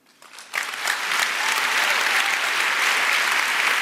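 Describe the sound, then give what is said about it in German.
An audience breaks into applause that swells quickly after a quiet start, then holds as a steady, dense wash of clapping hands for several seconds. “Ja, und bei so einem Satz, da geht natürlich auch das Publikum voll mit.”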